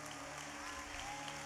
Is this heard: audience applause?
yes